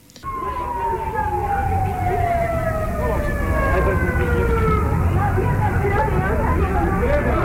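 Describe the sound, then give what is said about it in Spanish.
A fire engine siren wails in one long tone that slides steadily downward in pitch over several seconds, arriving at a vehicle fire beside a fuel station in Cochabamba, Bolivia, sounding loudly above a constant murmur of crowd chatter and street noise. “¡Vaya, bomberos!”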